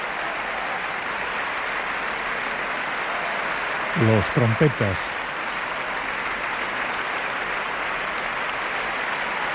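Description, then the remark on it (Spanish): Steady, dense applause from a large concert audience, an ovation for the orchestra as the horn section stands, fills the whole clip at an even level, with a man's voice briefly speaking over it midway. “Son ahora las trompas las que se ponen en pie para recibir esta ovación.”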